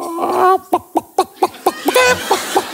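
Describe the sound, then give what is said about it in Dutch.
A person imitates a chicken, starting with a drawn-out squawk followed by a quick series of about eight short, clucking bursts in a steady rhythm. “Maar ik kan nog een kip.”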